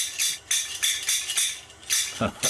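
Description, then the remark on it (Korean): Bright metallic clacks of Korean taffy (yeot) seller's scissors, hand-forged at a blacksmith's forge, ring out in a quick, uneven rhythm, about six sharp ringing strikes with a shimmering high tone, fairly loud and with no talking over them. “옛날 우리 어렸을 때 엿장사 아저씨가 병 갖고 와라, 고무 갖고 와라 하면서 깡냉이 바꿔주던 그 시절 엿가위.”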